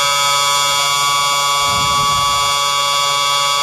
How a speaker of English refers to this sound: That's the longest siren I've ever heard.